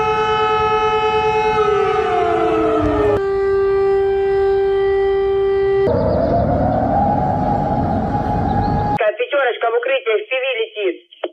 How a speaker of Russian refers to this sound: Так звучит воздушная тревога в России.